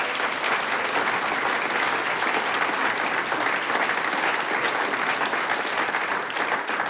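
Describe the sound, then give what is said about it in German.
Sustained applause from a large audience thanking the event organizers, a dense, steady wash of clapping hands that holds at an even, fairly loud level for the full seven seconds with no voices standing out. “Das ist euer Applaus, Dankeschön, dass wir wieder da sein dürfen.”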